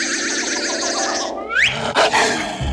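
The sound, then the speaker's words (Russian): A wolf, the wolf from the English fairy tale The Three Little Pigs, growls loudly, a rough sustained rumble that swells into a rising snarl, followed by a couple of sharp, harsh bursts. No one speaks. “Это волк из английской сказки «Три поросенка»?”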